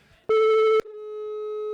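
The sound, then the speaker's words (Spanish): On an outgoing call to a phone number in Mexico, a loud electronic telephone tone sounds once for about half a second, then a softer steady tone continues to the end, with no voices. “Ok, es teléfono de aquí de México, ¿verdad? Ok, pues vamos a ver si nos contesta. Así que no nos cuelgues y le vamos marcando en esta mañana.”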